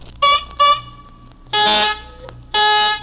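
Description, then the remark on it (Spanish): Someone blows their nose into a borrowed handkerchief in four loud, horn-like honks: two short quick blasts, then two longer, brassy ones after a pause. “Puchica, ¿cómo le suena la nariz a este, mire?”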